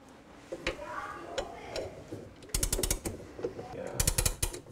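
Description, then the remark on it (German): A rediscovered clock from an antique secretary desk being wound: two bursts of rapid, crisp ratcheting clicks, each about half a second long, preceded by a few softer, scattered ticks and faint rustling. “über die Kleinigkeiten, wie zum Beispiel über die wiedergefundene Uhr im antiken Sekretär.”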